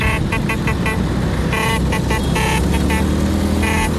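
A crowd of Vespa motor scooters, ridden by enthusiasts in Rome celebrating the Vespa's 80th anniversary, rumbles while their horns toot again and again in short, overlapping bursts, loud and continuous, with engines buzzing steadily underneath.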